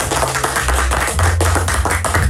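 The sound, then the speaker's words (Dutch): A burst of applause for the top scorer of a weekly quiz ranking, with brisk, overlapping hand claps at a steady loud level, backed by a low sustained musical hum underneath. “En momenteel staat bovenaan die ranking, en daar mag echt even een applaus voor klinken”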